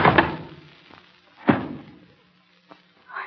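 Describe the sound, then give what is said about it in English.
A heavy candlestick strikes a man twice, two dull, solid thunks about a second and a half apart, each ringing briefly before fading, followed by a faint small knock. “Hit him so hard. Candlestick heavy in my hand.”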